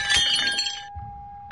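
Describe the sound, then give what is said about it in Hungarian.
A ceramic plate, a mother's favourite, breaks into 29 pieces in a bright, sharp crash, its ringing tone lingering and slowly fading before another abrupt clatter starts right at the end. “Eltörtem egy tányért. Anyám kedvenc tányérját.”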